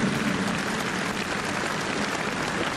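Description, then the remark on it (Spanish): A crowd claps steadily and strongly in applause for Saint Teresa of Jesus, a dense wash of many hands applauding at an even, sustained level with no voices on top, filling the whole stretch without pause. “Un aplauso a Santa Teresa de Jesús, bien fuerte.”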